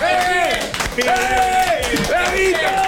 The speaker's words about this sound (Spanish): te podemos dar un aplauso. Te podemos dar un aplauso grande.